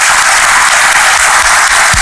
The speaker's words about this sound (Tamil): அவர்களுக்காக கை தட்டலாம், அவர்கள் இங்கே இல்லாவிட்டாலும் கூட.